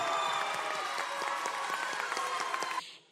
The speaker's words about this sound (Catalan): En primer lloc, voldria que tornéssim a aplaudir tots, sisplau, per les pubilles i els hereus d'aquest any.